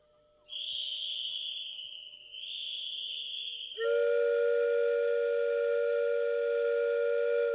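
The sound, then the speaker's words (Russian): A steam locomotive whistle as the train departs after a one-minute stop: two high, shrill blasts, then a louder, lower and richer whistle held steadily until the end. Prominent, with no voices. “Наш поезд особый идет сквозь метели.”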